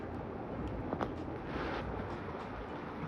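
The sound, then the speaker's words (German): A brook gurgles steadily over a few small rapids below green meadows, a dense, continuous rush of bubbling water, with no voices and no pauses. “wo dann das Wasser so über ein paar kleine Stromschnellen gurgelt.”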